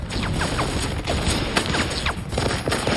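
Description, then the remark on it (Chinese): A German-made MG42 general-purpose machine gun, rated at 1,500 rounds per minute, fires in dense, rapid bursts at soldiers advancing up a cliff, a loud ripping clatter of overlapping shots that runs without pause for about three seconds, with no voices. “在 MG42 机枪的疯狂扫射下，多菲内冒险前进。”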